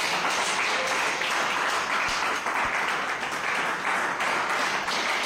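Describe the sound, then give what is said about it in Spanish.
Steady applause from a crowd of young men at a Christian gathering, a dense wash of many hands clapping at an even loudness for several seconds with no pauses and no one speaking. “Un aplauso, muchachos.”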